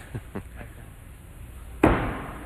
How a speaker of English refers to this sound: And kind of lucky there that he didn't knock his other knife out. You saw when that other one collided, it knocked it downward. Mm-hmm. A lot of times you'll just knock them both on the floor.